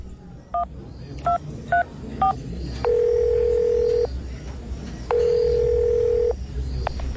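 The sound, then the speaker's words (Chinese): Four quick keypad beeps from a phone being dialed to call an older sister, followed by two long, steady ringback tones with a pause between them, over faint background hiss and no talking. “我打电话问大姐。”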